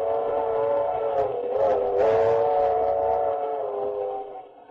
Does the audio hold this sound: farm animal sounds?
no